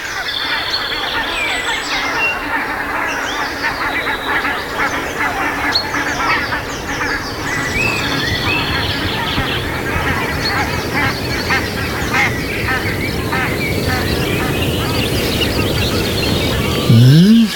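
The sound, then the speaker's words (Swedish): A large flock of geese honks continuously as it flies over on its way out to the fields, dozens of overlapping calls forming a loud, dense chorus that holds steady throughout. “Man hör gässen komma.”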